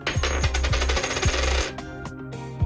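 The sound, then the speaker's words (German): A tossed coin rings out as it lands and bounces repeatedly on a hard surface, the metallic clinks coming faster before it settles into a fading spin. Clear, with no voices. “Also werfen wir eine Münze.”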